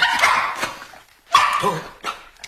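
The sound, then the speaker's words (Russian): A dog named Top barks in a few sharp bursts at someone's approaching footsteps: a harsh, noisy bark, a pause, then another loud bark followed by shorter yips trailing off, with no talking. “Топ учуял чьи-то шаги. Кто-то идет.”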